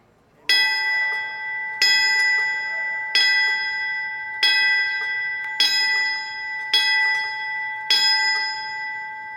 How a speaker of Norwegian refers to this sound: Bjelleklangen er til minne for brandmannskapet som rykket ut etter angrepet på World Trade Center i New York.